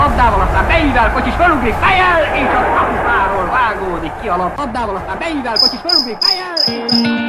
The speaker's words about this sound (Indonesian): Tahukah kamu bahwa suara jangkrik bisa menjadi indikator suhu udara? Ya. Suara serangga kecil ini ternyata bukan sekedar melodi malam yang menenangkan, tetapi juga dapat membantu kita memperkirakan suhu di sekitar kita.